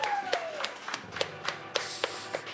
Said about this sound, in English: This is recorded live at the live show. So pre-recorded live. Only a few technical difficulties, but very well. Can I get a round of applause for Mockstar Karaoke? Mockstar.